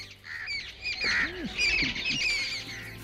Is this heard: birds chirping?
yes